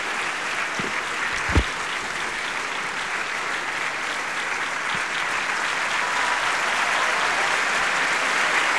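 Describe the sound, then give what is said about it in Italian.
Steady applause from a theatre audience at a performance of the opera Macbeth, greeting Giorgio Gannizze as he enters as Macbeth: a dense wash of many hands clapping at an even, moderate level throughout, with a couple of brief louder thumps early on and no voices. “Gli applausi sono un po' più tiepidi, se vero, sicuramente rispetto a quelli che hanno accolto Jennifer Rowley.”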